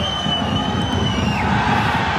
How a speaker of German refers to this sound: Die, die hier jubeln. Der FC Aarau, der grosse Partyquascher, und zwar zu Vaduz.